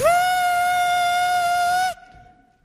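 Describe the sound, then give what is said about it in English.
A person imitates a whistling kettle of water left heating on a lit stove burner: a loud, steady, high tone held for about two seconds with no pitch change, then cut off abruptly, leaving a faint trailing hum. “And then I realize, the kettle on the fire.”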